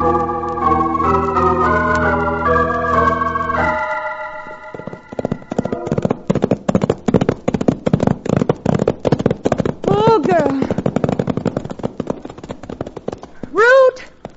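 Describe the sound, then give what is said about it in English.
A held musical chord gives way to a rapid, steady clatter of horses' hooves riding along, loud and rhythmic, with two short whinnies breaking through near the end. “Put the horses away.”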